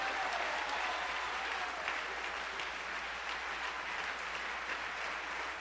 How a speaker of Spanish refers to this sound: Denle un aplauso al que vive para siempre.